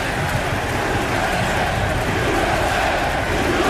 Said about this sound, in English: And as President George W. Bush confidently strode to the top of the mound wearing an FDNY quarter zip to throw out the first pitch, the New York crowd unleashed a loud, cathartic roar.